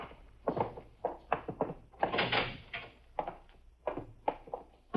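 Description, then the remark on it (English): A door swings shut with a solid thunk amid a run of clatters and shuffling movement, moderately loud. “Lock the door.”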